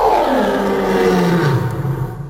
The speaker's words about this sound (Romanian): Leu, leu.